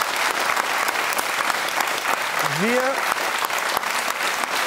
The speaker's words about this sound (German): Nochmal ein kleiner Applaus.